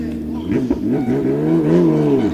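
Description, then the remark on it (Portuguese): Loud race car engines, including those of drivers Filipe Freitas and Daniel Figueroa, roar and rev continuously, their pitch climbing and dipping as they sweep past in a steady, throaty drone. “E com este alto barulho, até confesso, quase caía para o lado.”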